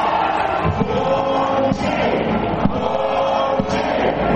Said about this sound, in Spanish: El grito de ponche, ponche en las tribunas.